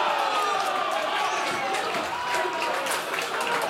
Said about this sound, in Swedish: Borta jubel, ett slovakiskt sådant på Strandvallen i Blekinge. Det är kvitterat i Champions League-fotbollen och dess kvalspel. Det är Slovan Bratislava som ger 1-1 i matchminut 78.